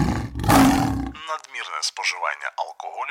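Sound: lion roar sound effect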